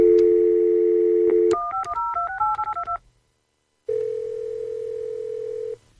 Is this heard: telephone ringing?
yes